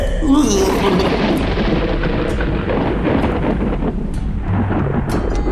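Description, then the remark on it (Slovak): Loud, continuous rumbling thunder fills the whole stretch, a heavy roaring boom with deep low-end rolling and crackling, sustained at full volume without pause. “Ohlušujúce hrmenie by zobudilo aj mŕtvého.”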